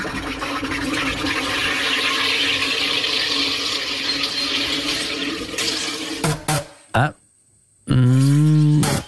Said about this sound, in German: Also um da allfällige zwiespältige oder unflätige Fehlinterpretationen vorzubeugen, gesucht gewesen wäre ein Wasser- bzw. Getränkesprudler